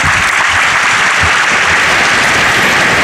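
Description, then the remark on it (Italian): Loud, sustained applause from a large crowd, a dense continuous roar of many hands clapping at once with no pauses, filling the whole stretch, closing a dialogue between Pope Leo XIV and young people. “Si conclude con questo grosso, grande applauso, questo spazio di dialogo fra Papa Leone XIV e i giovani che gli hanno rivolto delle domande”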